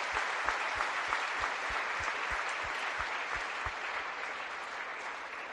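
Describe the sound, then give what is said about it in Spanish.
An audience in a church claps steadily and fairly loudly at Mass, applauding the members of the Concomá hamlet who organized the songs and readings. A dense wash of applause with a faint low rhythmic thump underneath and no one speaking. “Démosle un aplauso a nuestros hermanos.”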